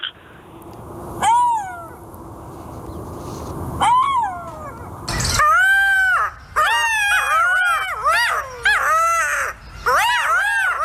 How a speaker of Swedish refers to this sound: Jag tror att vi har hittat ett smakprov på hur denna beryktade guldschakal kan låta.